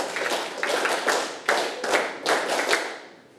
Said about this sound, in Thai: เอาละค่ะถ้าพร้อมให้เด็กๆปรบมือ10ครั้ง